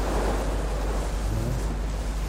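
Sea waves, heard from quite close by in pouring rain, roll in a steady, unbroken roar with a deep low rumble, like surf mixed with gusting wind. It holds an even loudness throughout, and no one speaks.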